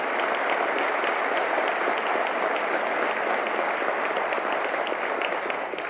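Steady, sustained applause from an audience fills the whole stretch, a dense wash of many hands clapping at an even, loud level with no voices rising above it.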